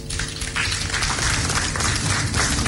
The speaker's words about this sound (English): It requires governments, regulators, financial institutions, fintechs, telcos, development partners, the media, Joy FM, and I think you also deserve a round of applause.